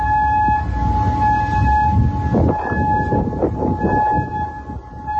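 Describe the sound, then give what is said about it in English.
A loud, steady air raid siren in Kuwait wails continuously, signaling incoming drones and missiles, its sustained tones holding throughout, with rumbling background noise and scattered traffic-like clatter underneath. No one speaks. “This was one of the many air raid sirens that echoed across Kuwait today, signaling incoming drones and missiles.”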